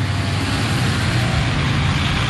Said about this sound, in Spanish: Un camión que viene cuarteando a otro. Pasan los vehículos, camionetas, dos autos.